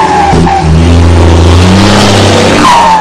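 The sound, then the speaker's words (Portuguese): A heavy, reinforced truck carrying a big load roars loudly as it pulls away onto the road, joined by brief high tire screeches at the start and end, with no one talking. “Assou no posto de molas do Cevinho, o cargão é grande, o caminhão tá indo.”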